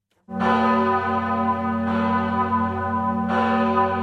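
The large bell of the parish church in Appenzell rings loudly at 4:30 in the morning, commemorating a battle against the Habsburgs; its deep tone sustains with rich overtones, struck again about every one and a half seconds with no voices present.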